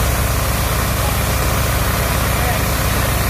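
Heavy engines of firefighters at work reopening the north and south ring roads of the capital of Vallès Oriental run steadily in an unbroken low, throbbing rumble with a broad, noisy hiss on top, holding an even, fairly loud level from start to finish.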